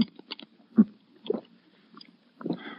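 Soft sipping of water through a glass straw, with a few short slurping pulls and small wet mouth sounds spaced irregularly, quiet and alone with no talking.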